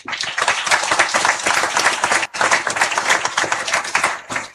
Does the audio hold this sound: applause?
yes